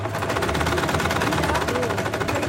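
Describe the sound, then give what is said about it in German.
Several sewing machines, brought by the women, men and children of a needlework course at Freiraum 22, run at once, their needles producing a fast, steady mechanical rattle with a low motor hum underneath, continuous and fairly loud throughout. “Die Frauen, Männer und Kinder im Handarbeitskurs beugen sich über ihre mitgebrachten Nähmaschinen.”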